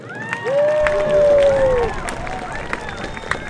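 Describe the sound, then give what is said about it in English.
Students applaud and cheer for their school faculty: a dense, steady wash of clapping with a long whistle-like cheer rising above it early on, the noise easing slightly toward the end. “Students, please give a huge round of applause to our faculty.”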